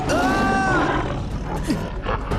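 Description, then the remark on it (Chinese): A tiger roars loudly, one sustained, rasping bellow lasting a couple of seconds with a tonal, wavering edge at the start and a rough, noisy tail. “老虎精，看快过来。”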